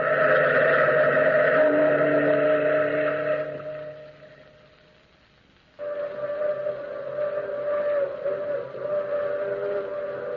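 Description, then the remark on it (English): A long, moaning whistle of a through express train at night in the mountains wails in two drawn-out blasts: the first fades away to near silence, then a second sustained, slightly wavering blast starts up loud and carries on to the end. “That's the long moaning whistle of the through express, wailing through the lonesome night, crying like a lost and anguished soul in the mountains.”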